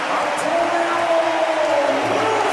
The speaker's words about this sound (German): Und ihr hört es ja, was der Nusa hier für eine Applauslawine bekommt. Ja klar, Publikum setzt natürlich bei Nkunku noch mal einen drauf.